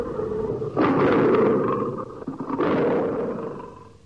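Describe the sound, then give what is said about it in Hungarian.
Lions growl in two long, rough, rumbling bursts, loud and throaty, as they bite at the belly of a buffalo that is still standing, with a brief dip between bursts and no voices. “Megérkeztek a többiek is, hangosan morogtak, amint harapdálni kezdték a még talpon álló bivaj terebélyes hasát.”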